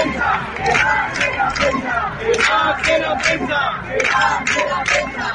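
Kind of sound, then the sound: crowd, crowd of protesters shouting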